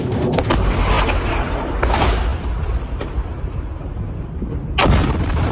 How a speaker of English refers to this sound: The terrifying sound of an Iranian missile crashing and exploding at the Mufawak Salty Air Base in Jordan last night that resulted in the deaths of two U.S. service members.